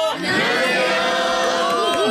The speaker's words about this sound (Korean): 아, 오늘 날씨만큼이나 정말 함성 소리도 쨍하고 밝고 맑아요. 네. 어디서 견학을 와주셨을까요? 오늘은요 진접 고등학교에서 20분 와주셨습니다.